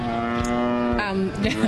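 A single cow moos loudly, a long sustained low call that bends in pitch near the end, with no one talking.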